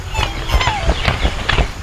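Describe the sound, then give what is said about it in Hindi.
Swans honking in flight over a garden: a steady run of rhythmic wingbeat whooshes passing by, with thin, faint calls gliding above them. “ये राजहंस हैं। ऐसा लगता है मानो हवा में तैर रहे हैं, और इतनी ही सुंदरता से वे पानी में भी तैर सकते हैं।”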